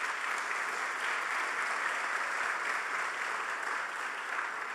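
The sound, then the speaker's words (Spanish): A crowd applauds steadily for nominees for the second Juan López award. It is a dense, even wash of clapping hands that holds at a constant level for the whole stretch, with no voices rising above it. “Un aplauso para ellos.”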